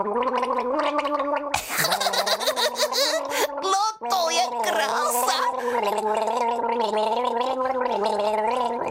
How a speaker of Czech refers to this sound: Že bys mohla zkusit zaspívat s vodou v puse? Yeah. To bys mohla? Něco zkus, jenom pár tónů. To zkus rozhodně. Pár tónů, tady se vem láhev s vodou, hezky se napij. No a teď zažbluňkej.